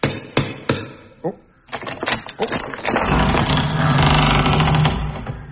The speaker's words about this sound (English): Just knock on the door.